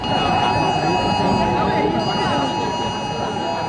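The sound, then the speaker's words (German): Several phones blare an emergency test alert tone at maximum volume, even phones set to silent, a loud, steady electronic shriek held throughout, layered over a dense murmur of people talking. “Ja, die Handys, die piepten hier tatsächlich auf maximaler Lautstärke.”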